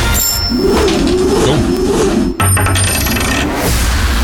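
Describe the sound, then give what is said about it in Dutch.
A coin is tossed and lands, rattling and spinning on a hard surface for a few seconds with a brief pause midway, and no one speaks. “Bij welke muntworp?”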